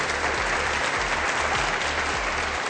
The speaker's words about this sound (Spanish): Así que les pueden dar un aplauso, por favor. Un aplauso para todos. Las personas que hacen posible Súbele a la Ciencia.